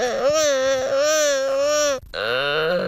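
Gelada monkey calls: a long, loud, wavering wail with a strained, crying quality, a brief break, then a second call that rises and holds, sounding almost like someone in pain.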